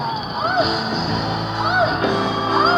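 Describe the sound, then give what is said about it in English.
Loud, sustained screaming and yelling from a group of people, several voices overlapping with rising and falling wails, continuous for the whole stretch. “I'll scream right along.”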